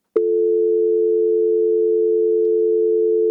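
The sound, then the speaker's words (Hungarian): A steady, continuous phone line tone hums loudly after a brief click as a call to Mária Rádió drops, holding one unbroken pitch for about three seconds with no voices. “Ez sajnos megszakadt.”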